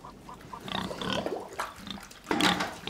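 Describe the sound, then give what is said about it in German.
Pigs kept on a small self-sufficient family farm grunting and snuffling, a run of short, uneven grunts that build into a louder squealing burst near the end, with no talking. “Mein Papa, der hat noch Schweine, wir sind ein bisschen Selbstversorger”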